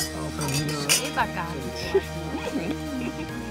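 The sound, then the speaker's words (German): Glasses clink together in a toast to the evening, a couple of bright, short chimes, heard over steady background voices and low murmur. “Auf den Abend. Ja, Prost.”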